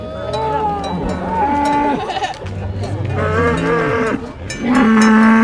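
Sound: cows mooing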